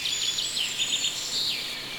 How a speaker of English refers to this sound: You're here, the birds are here.